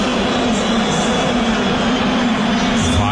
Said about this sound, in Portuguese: Olha a vaia pro Rogério Ceni.